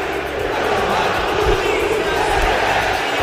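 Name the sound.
stadium crowd chanting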